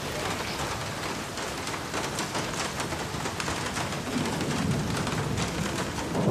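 Steady rain pours down in a dense, continuous hiss with crackly patter throughout, and a soft low rumble swells beneath it toward the end.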